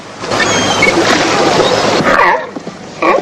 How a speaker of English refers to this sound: Grey seals. They look nice and friendly.